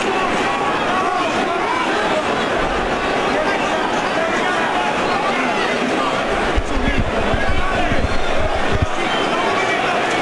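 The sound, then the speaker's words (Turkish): A large boxing crowd roars and chants continuously, cheering on Anthony Joshua in his fight against Wladimir Klitschko: a dense wall of cheering voices with swelling surges, loud and sustained throughout. “Taraftar yüreklendirmek istiyor Joshua'yı.”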